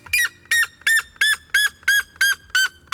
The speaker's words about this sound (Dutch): Wetenschappers hebben voor het eerst gemeten hoe hard hij schreeuwt. En wat blijkt? Hij zou wel eens de hardschreeuwende vogel ter wereld kunnen zijn. Hij tikt namelijk de 120 decibel aan.